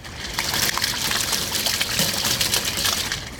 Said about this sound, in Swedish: Ja, ljudet av ett augustiregn ska jag bjuda på här och nu.